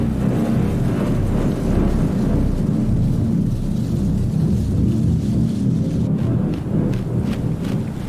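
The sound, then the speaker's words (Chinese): A thunderstorm builds with a deep, continuous rumble of thunder and gusting wind, steady and loud for the whole stretch, with no voices. “欧戈冬妈妈加紧捕捉昆虫，她也在为暴风雨做准备。”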